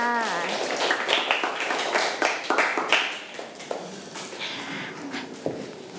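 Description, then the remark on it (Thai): A room full of children clap together for the representatives of three groups in a classroom lesson, a dense, uneven burst of applause that keeps going for several seconds, with a brief voice at the start. “อาปรบมือให้ตัวแทนทั้ง3กลุ่มค่ะ”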